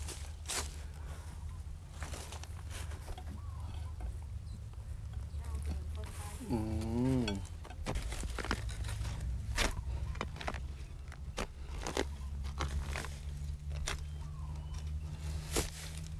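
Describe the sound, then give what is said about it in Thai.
A spade bites into soil again and again, digging up ivory banana (Kluai Nga Chang) shoots for a customer order, with irregular scraping thuds and crunches against a steady low rumble. A brief warbling, whistle-like call rises briefly partway through. “ใช่ครับวันนี้ลูกค้าสั่งกล้วยงาช้างครับงั้นเดี๋ยวพี่ ฝึก มือขุดเลยแล้วกัน โอเคเดี๋ยวเรามาดูการขุดกันนะฮะ”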